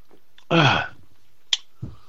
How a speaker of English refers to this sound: Oh, let me get a slurp.